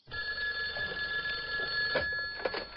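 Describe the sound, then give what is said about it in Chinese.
A telephone in an office rings late at night with a continuous, shrill metallic trill for several seconds, steady, with a couple of faint knocks near the end and no voices. “夜深了，邵大周浑身疲惫，一个人坐在办公室里抽烟，守着电话机，面前是已经整理好的卷宗。”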